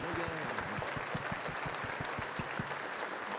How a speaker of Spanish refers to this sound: Un aplauso para nuestro Señor, que se note que le amamos.